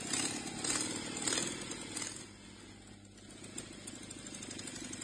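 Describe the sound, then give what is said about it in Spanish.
An old Citroën car engine runs with a rough, rattling rumble, louder and revving over the first couple of seconds before settling into a steady idle, with no voices. “¿Ese es el Citroën?”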